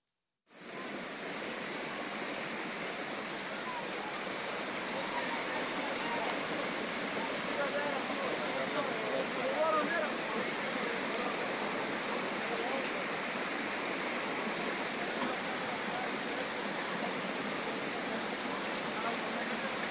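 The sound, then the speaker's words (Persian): Floodwater rushes loudly and steadily through a street in the Khair Khana area of Kabul, Afghanistan, after rain, a continuous roar of churning water that begins after a brief moment of silence and holds unbroken to the end. “ساکنان میگویند که سیلاب ها وارد کوچه و خانه های مردم شده است.”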